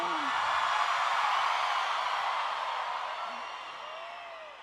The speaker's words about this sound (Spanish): que se escuche un grito, Ciudad de México.